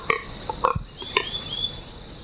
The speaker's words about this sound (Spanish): Este sonido corresponde al canto del ave Pato Codúa y hace parte del proyecto A Ritmo de Pájaros de la Fundación Corocoras. Esta iniciativa busca exaltar el paisaje sonoro de nuestra maravillosa Orinoquía.